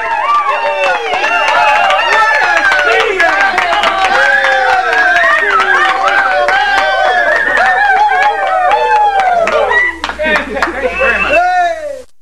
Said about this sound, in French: Et il entend la foule qui marche, qui passe devant lui, sans s'arrêter, et qui se précipite au bout de la rue.